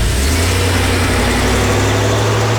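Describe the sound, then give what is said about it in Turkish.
A car engine runs loudly and continuously with a deep, steady rumbling drone and a rough mechanical edge as the car pulls away for a lap around the corner. No voices are heard. “Ya abi tamam, yorma arabayı ya.”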